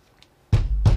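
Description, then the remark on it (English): Two heavy, booming bangs on a front door in quick succession, loud, following a moment of near silence. “There was a sudden banging on the front door, and Mrs.”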